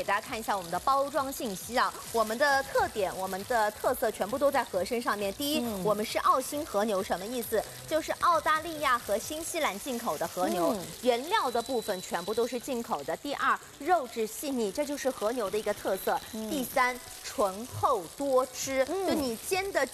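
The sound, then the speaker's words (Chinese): A wagyu beef patty, imported from Australia and New Zealand, sizzles steadily in a frying pan, a continuous crackling hiss running beneath a voice that talks almost nonstop throughout. “第三，醇厚多汁，就你煎的久一点的话，它还是有到这个汁水的，所以它的肉不会特别的柴。”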